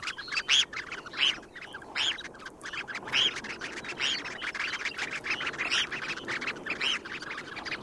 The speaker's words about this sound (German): Da hat das Thorshühnchen gezwitschert im Vogel der Woche